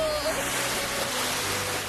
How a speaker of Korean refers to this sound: 제가 얼마나 무서웠는지 아세요? 파도도 엄청 많이 쳤다고요.